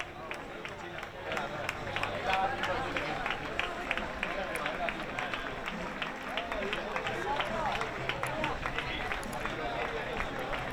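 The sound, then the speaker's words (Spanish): A crowd applauds Juanma Moreno as party colleagues congratulate him on the election result, steady dense overlapping clapping holding an even level for the whole stretch, with a low murmur of voices mixed underneath. “Bueno, pues los aplausos a Juanma Moreno, que ahora mismo, aunque no lo podemos apreciar con este plano, está recibiendo los abrazos de sus compañeros de partido para felicitarle por el resultado obtenido en las elecciones de ayer domingo”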